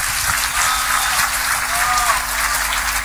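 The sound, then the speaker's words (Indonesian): Sustained applause from a large crowd for a farmer representing Indonesia's farmers, a dense, steady wash of many hands clapping at once with even loudness throughout, with no voices standing out. “Kita tepuk tangan untuk Pak Joko”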